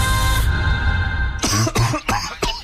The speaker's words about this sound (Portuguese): Caramba, meu, fica bem. Vai um xaropinho pra essa tosse aí, ó.